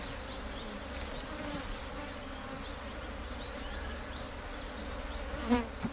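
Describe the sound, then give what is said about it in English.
A steady, dense hum of many bees buzzing, a continuous droning swarm with a brief louder flare near the end as one passes. “Without bees, we won't have food to eat.”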